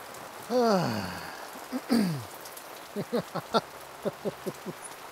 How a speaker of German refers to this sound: Das gehört eben dazu, das ist immer bei Grillen das Risiko, was man sein kann. Dass wir eben mal einen kleinen Sommergewitter haben oder mal ein bisschen Regen, aber so wie jetzt hält sich es an Grenzen.